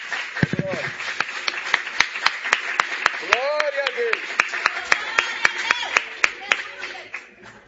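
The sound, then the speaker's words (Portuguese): An audience at an evening family church service claps hands to salute Jesus in a steady, even rhythm of sharp beats, while voices call out and cheer over the clapping. “Pode tomar o teu assento, desocupa as suas mãos por gentileza e vamos saudar a Jesus com as melhores palmas que nós temos nessa noite.”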